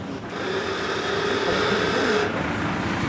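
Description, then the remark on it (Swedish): A main crane's motor drones steadily while hoisting a boat, a loud, continuous mechanical hum with a faint whine that holds for a few seconds, with no voices. “Det är den huvudkranen som hivar och så tycker jag att han ska sättas av en vakn som är fäster i ön.”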